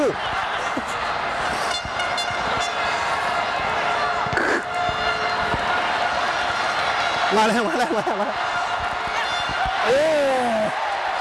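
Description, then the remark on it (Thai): A large crowd outside a sports venue cheers loudly and continuously, heard from the pitchside media area, the roar filling the whole stretch, with a couple of wavering horn-like blasts cutting through near the end. “ตอนนี้นะได้ยินเสียงดังมากเลยครับคือเสียงเชียร์จากข้างนอกนะฮะ”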